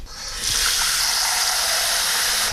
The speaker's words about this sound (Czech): Začneme tedy houbami. Čili já dám teďko do hrnce trochu vody.